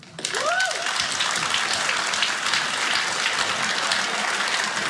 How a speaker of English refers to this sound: Tonight, clap if you're in a happy relationship.